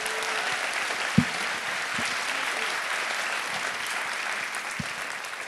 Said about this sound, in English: A phenomenal cast, truly, from top to bottom. Yeah, round of applause to the cast.